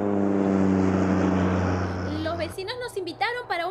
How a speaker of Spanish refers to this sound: Una noche yo alquilé una avioneta y estaba volando de vuelta a casa desde el oeste de Pensilvania con mi esposa.